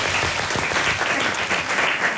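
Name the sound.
audience applause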